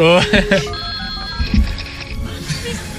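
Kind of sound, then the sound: signal or alarm, telephone ringing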